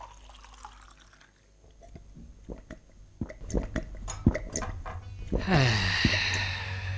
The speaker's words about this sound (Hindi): तो आप सभी पानी पी चुके और अपने शरीर में निश्चित ही एक परिवर्तन का अनुभव कर रहे होंगे।